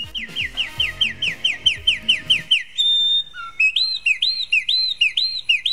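A small bird sings clear, first a quick run of rhythmic repeated chirps over a faint low background, then a series of bright, looping whistled notes on its own.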